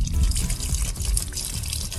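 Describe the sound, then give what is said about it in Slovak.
Water from a mineral spring at the Lúčky spa in Liptov flows in a steady, unbroken gush, a full splashing rush with a heavy low rumble and bright spray hiss, without voices or pauses. “A ako znie prameň, nech sa páči.”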